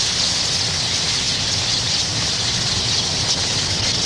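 A dense, steady wash of twittering and chirping from a large flock of tree swallows in massed autumn flight at Goose Island, continuous and unbroken, with a soft low rumble underneath and no voices.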